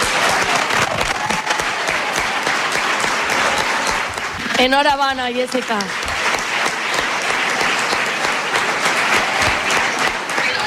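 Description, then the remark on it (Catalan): Sustained, dense audience applause in Tavernes de la Valldigna after the announcement of the Fallera Major of Tavernes for 2027, loud and steady, with a man briefly speaking a congratulation over it around the middle. “Aplaudiments i més aplaudiments, i jo imagine que no sé si li va arribar a caure alguna llagrimeta, però emoció a flor de pell.”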